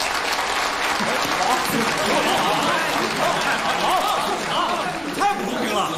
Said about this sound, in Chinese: 让我们为他们获奖鼓掌。